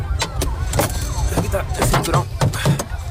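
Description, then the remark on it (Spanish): Irregular, forceful thumps of protesters banging on the body of a car carrying a lawmaker and two human rights lawyers as police try to clear a path for it, a dozen or so hits in quick succession, with a noisy crowd murmuring and shouting underneath. “Golpearon el coche mientras la policía trataba de abrirle paso.”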